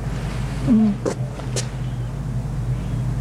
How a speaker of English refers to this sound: The roaring back is... That's the generator of some sound system.